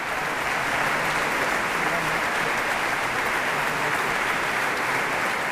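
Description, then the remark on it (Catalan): A concert audience at Les Introbables, a concert dedicated to Conxita Badia and Victòria dels Àngels, applauds steadily, a dense, even wash of many hands clapping that holds at a constant level throughout, with faint voices mixed in beneath it. “Rebien aquests aplaudiments del públic que va assistir al concert Les Introbables, dedicat a Conxita Badia i Victòria dels Àngels.”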